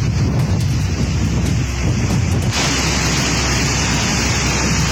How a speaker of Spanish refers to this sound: Se puede apreciar viento. Se puede apreciar el agua, un cauce bastante grande